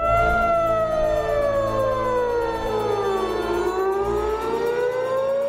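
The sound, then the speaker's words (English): Air raid sirens wail steadily across Tehran, Iran, during the US-Iran war, their pitch sweeping slowly down and then rising again in a long continuous drone, with a low rumble of ambient city noise beneath and no voices. “The sirens screamed across Tehran.”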